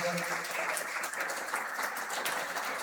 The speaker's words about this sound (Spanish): El Parco, un aplauso a los del Parco.